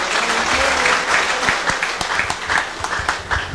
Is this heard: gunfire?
no